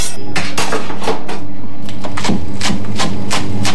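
A knife chops oak leaf lettuce into a chiffonnade on a cutting board: about a dozen sharp knocks in a fairly steady rhythm, loud and clear with no talking over them.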